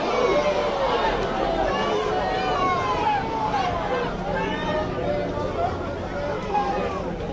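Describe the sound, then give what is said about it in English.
A large baseball crowd at a regional game reacts loudly and steadily, disagreeing after pitcher Tate McKee's 100th pitch is called outside, a dense wash of overlapping shouts and raised voices with rising and falling pitched cries, sustained without a break for the full stretch. “Crowd didn't think so.”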